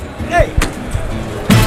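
At a bullring, the bullpen keeper gives a short, drawn-out call to bring the first bull of the Juan Albarrán ranch out through the open toril gate, followed by two sharp wooden knocks against a noisy outdoor crowd background.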